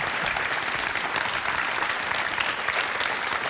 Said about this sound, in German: So. Der Applaus will gar nicht enden.